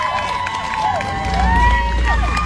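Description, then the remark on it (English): A large crowd of Democrats and Republicans cheers on their guy steadily, with whoops and rising, whistle-like yells over a dense roar of voices that swells slightly toward the end. “Got Democrats and Republicans coming together to cheer on their guy right here.”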